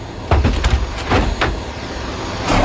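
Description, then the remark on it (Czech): A Przewalski's horse mare kicking restlessly inside a transport crate as Prague Zoo workers load her from a truck onto an aircraft: a burst of heavy wooden thuds and bangs, then a few more scattered knocks, over a steady low vehicle rumble. “Jak je možná slyšet, naložit je o poznání složitější, kope okolo sebe a je neklidná.”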